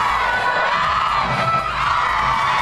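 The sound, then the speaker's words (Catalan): A large crowd cheers and roars continuously as Spain's women's team lifts the Under-20 World Cup trophy after beating North Korea on penalties, a dense wall of shouting and whooping voices that stays loud and steady throughout, with no single voice standing out. “Aquest era el moment on aixecaven el títol.”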